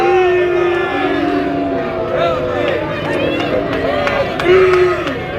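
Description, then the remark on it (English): A large baseball stadium crowd grumbles and jeers disapprovingly in a continuous wash of voices, with a heckler and a few louder shouts rising above the steady babble. “Crowd didn't like it.”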